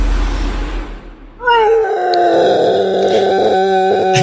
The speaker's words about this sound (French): C'est Chewbacca ? Non, c'est un morse qui s'est assis sur un petit Lego. Et d'un coup, il a beaucoup souffert.